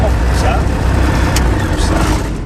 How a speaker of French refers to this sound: Et on démarre. On est en train de mettre les gaz sur l'axe de montée initiale 18.